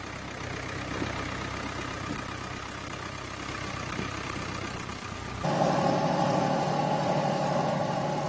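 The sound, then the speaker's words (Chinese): A tractor engine runs steadily while ploughing a field in preparation for next year's planting, a continuous low rumble. About two-thirds of the way through it grows louder and deeper in tone, as if working under heavier load. “随后，萨瑟兰开着拖拉机犁地，为来年的耕种做着准备。”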